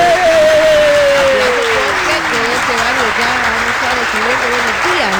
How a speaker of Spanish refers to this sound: ¡Aplausos!